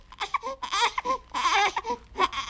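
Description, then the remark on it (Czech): A baby cries in short, high-pitched fussy bursts, fairly loud, with brief pauses between wails and no other voices. “Nepláč, hned jsem zpátky.”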